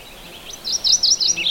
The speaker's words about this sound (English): He's a little bit back in the brush. And they're kind of a brush warbler, so they don't show themselves often.